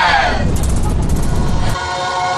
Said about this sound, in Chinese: 已经搭乘了青藏铁路列车启程了